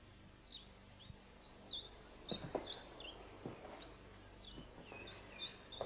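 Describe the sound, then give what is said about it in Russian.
Tits chirp and tweet continuously in a lively flurry of short, high calls inside a cage built in a small room of an apartment, several birds overlapping at moderate volume, with soft rustling and faint low background noise. “Да, он построил здесь эту клетку и напустил в нее синиц.”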